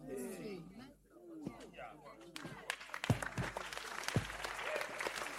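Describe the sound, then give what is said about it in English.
A man speaks briefly, then a church audience breaks into steady, dense clapping for Jesus that builds and keeps going, with a few sharper, louder claps and voices mixed in underneath. “Well, those who are not lasting, they are clapping for Jesus.”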